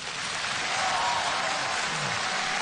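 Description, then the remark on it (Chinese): Steady, dense applause from an audience welcoming a visiting official, a continuous crackling wash of many clapping hands that holds at an even level for a few seconds with no voices over it. “来，我们以热烈的掌声欢迎领导光临指南。”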